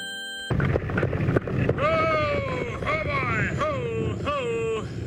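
The wind of a terrible storm in Indian country roars as a steady, loud rushing noise, with several howling whistles sliding up and down above it in wavering gusts.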